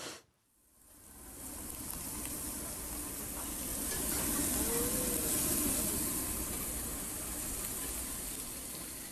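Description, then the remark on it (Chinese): Barbecue meat sizzles on a grill while being grilled with friends, in a steady crackle and hiss that starts after a brief near-silent moment and continues evenly throughout, with no voices. “这个有没有一点点烤肉的呲呲啦啦的声音呢？ 有，当然有，跟朋友一起烤的声音， 半夜放毒。”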